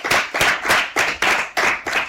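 An audience claps together in a steady rhythm, about seven loud, even beats in quick succession, close and without any talking.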